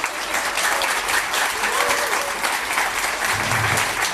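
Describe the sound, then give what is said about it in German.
A crowd applauds steadily at an album release concert at the Bergson, dense clapping filling the whole stretch at a fairly loud, even level, with a faint voice briefly audible underneath. “Ihr gebt ihm gleich noch einen riesen Applaus.”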